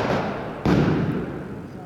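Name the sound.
firecrackers exploding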